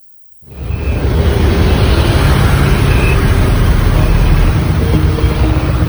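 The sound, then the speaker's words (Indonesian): Vehicle engines idle at public fuel stations (SPBU) in Banda Aceh in mid-June, with vehicles queuing, in a steady, continuous low rumble that starts abruptly after a brief silence and holds at a fairly loud, even level throughout, with no voices. “Suara mesin kendaraan mulai memenuhi sejumlah stasiun pengisian bahan bakar umum atau SPBU di Banda Aceh pada pertengahan bulan Juni ini.”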